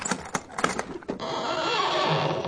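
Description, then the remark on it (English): Several sharp knocks and clatters at the start, then a long, drawn-out creak of old hinges as the heavy lid of an old chest is pulled open, fairly loud, with no voices. “Oh, those creaking hinges give me the shivers.”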